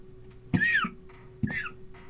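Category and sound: human body sound, cough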